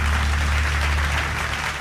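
A large crowd gives a standing ovation at Titán Caracol 2025, clapping loudly and continuously in a dense, steady wash of applause with a low hum underneath and no voices standing out.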